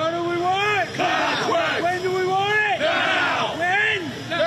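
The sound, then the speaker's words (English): A crowd of striking Long Island Rail Road workers chants loudly at a picket line at Penn Station in Manhattan, demanding a contract, their voices rising and falling in a steady rhythmic cadence of repeated shouted phrases, with no pauses between them. “Long Island Railroad workers picketing at Penn Station in Manhattan.”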